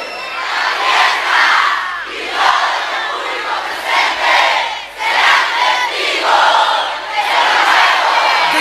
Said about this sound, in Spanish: Los aplausos. Los aplausos para México.